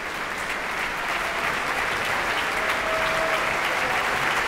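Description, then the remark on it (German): Sustained applause for the conductor on stage from a large concert audience at a matinee in the Wiener Musikverein, Vienna, before the interval. A dense steady wash of clapping fills the whole stretch at an even, fairly loud level with no voices standing out. “Jetzt noch einmal Applaus für den Dirigenten auf der Bühne.”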